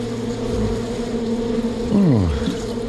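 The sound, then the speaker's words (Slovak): A steady, dense drone of honeybees buzzing around a beehouse fills the air, with one bee zooming past the listener near the end, its pitch dropping as it flies by. No one speaks. “No, teraz nesmieš von zo včelína, lebo keď včely zacítia sladké, hneď sú na tebe.”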